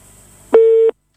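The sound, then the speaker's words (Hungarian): A single loud, steady telephone busy tone beeps for about a third of a second after faint line hiss, then cuts to silence, as a listener's phone call into a live broadcast drops. “Sajnos ez megszakadt.”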